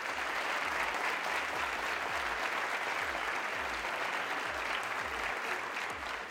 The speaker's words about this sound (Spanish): Y les pido, por favor, pues que nos den un aplauso para recibir el programa.